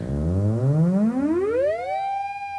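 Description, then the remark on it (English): A theremin: low, rapid pulses speed up as the player's fingers approach the antenna from about a foot away, blurring into a buzzy tone that glides steadily upward, then levels off into a sustained, bright, steady pitch. Loud throughout, with no voices. “So in order to get that sound, I'm having to hold my fingers at about a foot away from the antenna, but as I approach it, it'll get much faster, and you'll hear those bup, bup, bup, bup, bup repetitions turn into like a continuous tone.”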